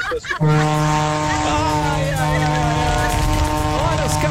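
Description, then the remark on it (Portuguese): A loud vehicle horn blares in one long, unbroken blast during a horn-honking event, sent from a drive from Braga, Portugal, to Porto. It is a deep, brassy droning tone that holds steady for about four seconds after a short burst of noise at the start. “Olha a buzinona do maluco, olha a buzinona do maluco.”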